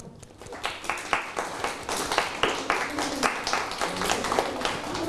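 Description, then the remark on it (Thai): A group of children claps together in a classroom for a classmate's well-done writing work, a burst of scattered, overlapping hand claps that quickly builds and continues steadily for several seconds, lively. “ก็ถือว่าทำได้ดีและถูกต้องเลยนะครับปรบมือให้เพื่อน”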